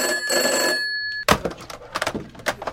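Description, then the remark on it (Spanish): A bell-type telephone rings loudly for about a second, then cuts off with a sharp clunk like a receiver being lifted, followed by quieter scattered handling noises. “Entre todos, ¿podéis escoger los malditos teléfonos?”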